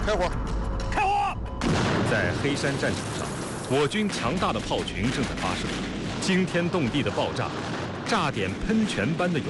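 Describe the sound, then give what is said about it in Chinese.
A dense, rumbling barrage from a massed artillery group firing on the Heishan battlefield, with repeated booms, explosions and light and heavy weapons firing together, crackling gunfire overlapping continuously, and voices shouting indistinctly through the din. “在黑山战场上，我军强大的炮群正在发射，惊天动地的爆炸，炸点喷泉般的勇气，我军阵地上轻重武器一起开火”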